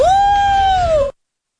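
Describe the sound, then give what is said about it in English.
A single sustained howl from a human voice imitating a wolf, held steady for about a second before trailing off slightly and cutting to silence. Loud. “And a wolf?”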